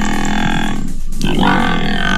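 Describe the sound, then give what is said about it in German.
A water buffalo, one of those used for landscape maintenance at the Tegeler Fließ in northern Berlin, gives a loud, sustained grunting call, low and rough with a buzzing harmonic tone, dipping briefly in the middle before continuing steadily with no talking. “in wenigen Stunden sind im Norden Berlins wieder die Wasserbüffel zu sehen”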